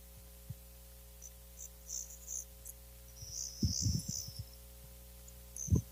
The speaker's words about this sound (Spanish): Empezaron a sonar como unos bichitos, como unos grillos, sí. Que ya ahora sí llegó la noche. Ahora sí, por fin, a las 8:40 minutos empezó a oscurecer en Dallas.